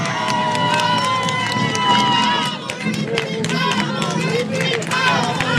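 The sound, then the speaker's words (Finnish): A large crowd at a bowling alley in Äänekoski applauds and cheers loudly on request for a radio broadcast, with dense clapping and excited shouts and whistles filling the space for several seconds, sounding lively. “Me saatiin hienot aplodit. Voisiko saada uudet, kun nyt ollaan radiolähetyksessä?”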